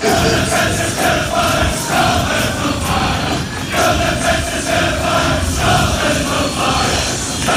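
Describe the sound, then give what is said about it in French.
A large crowd of Scotland football fans, the Tartan Army, about 5000 strong, sings a chant together in the streets of Boston, a loud, continuous roar of massed voices carrying a repeated melodic refrain for several seconds. “Écoutez juste, on connaît ce refrain.”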